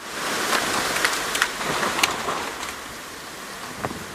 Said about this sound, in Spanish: El condado de Douglas, Colorado, fue azotado con un látigo de tormentas y vientos que dejaron destrucción en varios barrios de la zona.